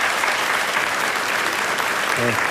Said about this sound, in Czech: A děkuji ještě jednou za ten bouřivý potlesk. Děkuji.